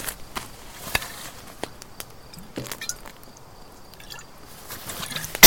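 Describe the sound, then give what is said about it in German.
Someone takes a big gulp from an already half-empty bottle: faint, irregular wet clicks and sloshing swallows spread over a few seconds, with no talking. “Hier, Kleine, nimm einen kräftigen Schluck.”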